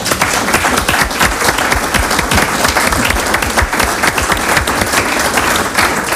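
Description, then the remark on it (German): Sustained applause from an audience in a parliament, dense overlapping hand claps forming a steady, loud wash of sound for several seconds without any talking. “Ich finde, das hat einen großen Applaus verdient.”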